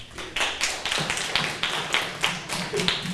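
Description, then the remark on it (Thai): A class breaks into applause for a classmate, many hands clapping in a fairly steady, rhythmic beat of sharp bright claps for a few seconds, with no talking over it. “ขอเสียงปรบมือให้เพื่อนนะครับ”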